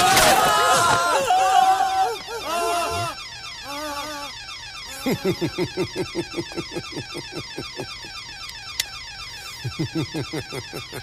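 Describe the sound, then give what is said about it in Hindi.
An alarm rings loudly in rapid, repeating pulses that continue steadily through the scene, with wavering tones at the start and a crowd murmuring underneath. “साले डेढ़ो शियार, तुझे क्या लगा था अलार्म बजते ही लॉकर से पुलिस बाहर आ जाएगी?”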